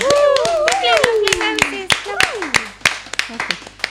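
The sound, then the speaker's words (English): A crowd in a room claps steadily and loudly in appreciation of the rose, sharp hand claps overlapping as voices call out and cheer with rising and falling tones over the applause. “Can we have a big applause or some kind of appreciation in the room for the rose?”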